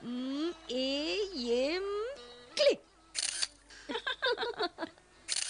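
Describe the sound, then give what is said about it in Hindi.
A camera shutter fires in several sharp, crisp clicks, one lone snap, then a quick irregular burst of shots, photographing birds perched on dry trees in the middle of Periyar Lake, following a stretch of tonal, warbling voice-like sounds. “मैं जरा इनकी फोटो लेती हूँ।”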